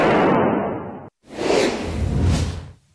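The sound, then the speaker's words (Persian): Two loud, harsh bursts of gunfire fired in an Islamic Republic state TV studio, shooting at a UAE flag and the studio ceiling, each lasting about a second with a brief gap of silence between them; no one speaks. “آموزش با سلاح به مردم، بعد شلیک به پرچم امارات و سقف استودیو.”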